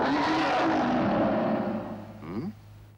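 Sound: four-stroke car engine revving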